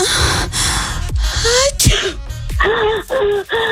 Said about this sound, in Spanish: Ahí, y otro, y ahí mismo como que alguien estornudó. Identificó muy bien el sonido, porque en sí ese sonido fue con catarro.